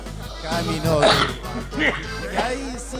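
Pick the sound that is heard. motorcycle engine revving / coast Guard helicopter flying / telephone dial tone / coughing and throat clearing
coughing and throat clearing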